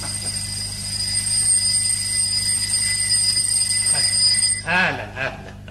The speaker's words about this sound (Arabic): شو هذا؟ تليفون؟ ده مش تليفون. هذا منبه بالعرزال عند درويش فوق.